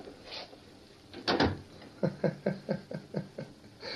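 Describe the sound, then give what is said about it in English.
A door shuts with a single solid thump partway through, followed by a quick run of short, evenly spaced bursts that sound like low chuckling. “Close the door.”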